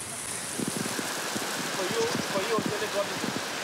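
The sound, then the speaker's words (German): A heavy tropical downpour on the island of Grenada during a hash run roars steadily, a dense continuous hiss of pouring rain with faint murmuring voices partly buried beneath it. “Es schüttet wie aus Kübeln.”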